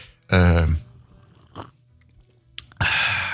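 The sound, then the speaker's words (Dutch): A loud slurp of coffee, hissy and drawn out, following a short throaty vocal noise and a brief sip-like sound with a small click. “Je wilt toch een vieze koffieslok? Ja, natuurlijk. Zonder die vieze slurp kunnen we niet verder.”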